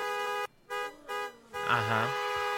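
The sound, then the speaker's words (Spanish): A car horn honks in three sustained loud blasts with short gaps between them, made as a shared signal called the chiquiseñal, followed by a voice talking over a continuing horn tone. “Bueno, la chiquiseñal es que todos al mismo tiempo, cuando yo dé la señal, vamos a hacer este sonido con el claxon del carro.”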